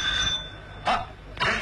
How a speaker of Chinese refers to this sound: 门铃又响了，今天真是太热闹了，像过节一样。